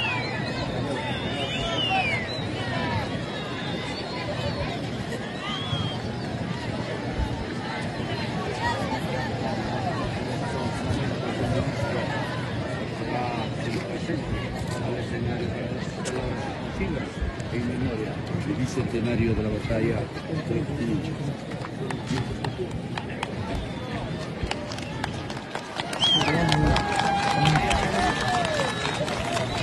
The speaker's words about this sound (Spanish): Abucheado por todo el público, miren, por todos los asistentes que están viendo ustedes en imágenes. Ahí está, lo pueden ver. Apenas lo anunciaron, todos lo estaban abucheando.